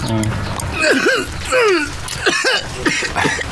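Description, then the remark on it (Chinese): A man gives a series of deliberate, voiced coughs and throat-clearing grunts, about five short bursts spaced unevenly across a few seconds. “你老咳嗽什么呀？”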